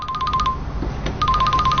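A mobile phone ringtone plays loud for an incoming call: a bright, repeating electronic melody sounds in two bursts with a brief pause between them, over faint background noise.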